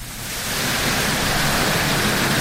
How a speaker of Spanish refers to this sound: Granizo, señores. Hace 10 minutos en Minera Centinela. Oye, mira cómo caen en diagonal de costado y cómo golpean ahí toda la estructura de la minería.